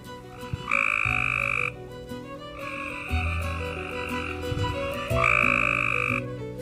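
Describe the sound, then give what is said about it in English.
Male Cope's gray tree frogs in Alabama calling for females to breed during a warm rainy period near pools: loud, harsh buzzy trills come in three bursts of about a second each, rising over a dense, steady chorus of other frogs. No one speaks. “The Cope's gray tree frog, a common Alabama amphibian, seizes the opportunity to breed during warm rainy periods, with males calling for females' attention near temporary and semi-permanent pools.”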